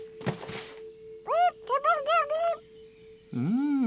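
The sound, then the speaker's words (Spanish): A bird calls in a quick run of four or five loud, arching squawks, then pauses before one longer, lower call. A brief rustling thump comes first, and a steady tone hums underneath throughout. “¡Cuidado, pájaro!”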